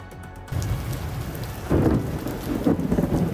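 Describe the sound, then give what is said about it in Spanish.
Steady rain hisses while deep thunder rumbles in from an electrical storm, swelling twice with heavy low booms that roll on through the downpour. No voices, just the storm, fairly loud. “A menos de 24 horas para la final, una tormenta eléctrica ha obligado a cancelar el último entrenamiento de España antes del gran día”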